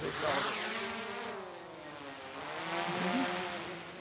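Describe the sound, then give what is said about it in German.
A drone launched again to search a meadow: a steady, high-pitched motor buzz with rich stacked harmonics drones throughout, its pitch sagging and then rising again as the propellers change speed. “Dann lassen Mario Mia und sein Sohn die Drohne wieder steigen.”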